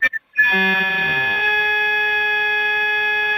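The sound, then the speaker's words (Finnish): Two quick electronic beeps, then a loud, steady high-pitched tone that holds unbroken for about three seconds over a phone line, with no voices. “En kuule muuta kuin jotakin piippausta tällä hetkellä.”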